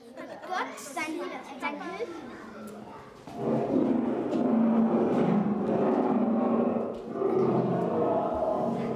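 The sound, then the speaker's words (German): Children's voices from a school class chatter briefly, then loud, rumbling lion roars from a lions' den scene in a museum's children's exhibition take over, filling the space in two long, sustained stretches with a deep, growling texture, powerful. “Ich finde das so cool, dass man einfach reingeht, dann hört man das Gebräu und dann weiß man, wie er sich so teilweise gefühlt hat.”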